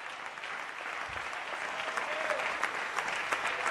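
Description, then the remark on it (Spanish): Steady, dense applause from a crowd at a church camp, given loudly to the King of Glory, sustained throughout with many overlapping claps forming a broad, bright wash of sound and no pauses. “Alguien dele un aplauso fuerte al Rey de la Gloria.”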